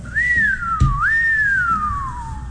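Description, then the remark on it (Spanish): A person whistles a siren imitation: one continuous tone rising, dipping, then sweeping up again before a long slow fall in pitch. A brief thump interrupts midway; low background noise throughout. “Lo mejor fue el efecto sirena.”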